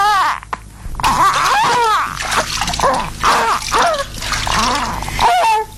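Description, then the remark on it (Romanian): Water splashes and drips continuously as a little girl is bathed in a golden tub, while a voice wails and calls out over it in rising and falling tones. “Să scăldăm copila.”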